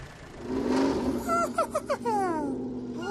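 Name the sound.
race car engine revving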